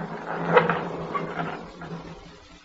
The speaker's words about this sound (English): Very well. I will open the gate.